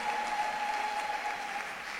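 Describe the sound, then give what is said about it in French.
An audience applauds, acclaiming Saint Joseph, in a dense, steady wash of clapping that holds at even loudness for two seconds, with a faint sustained tone running underneath. “Nous acclamons très fort son compagnon fidèle, Saint Joseph.”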